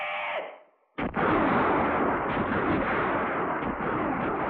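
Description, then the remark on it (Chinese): A sharp bang breaks a brief lull, then a dense, continuous roar of scattered enemy gunfire follows, loud and echoing through a mountain valley, with a few separate shots cracking through the din. “山谷里只是回荡着一阵阵敌人的乱枪声，伪军便衣队队长空打了一阵，就无可奈何地收起了枪。”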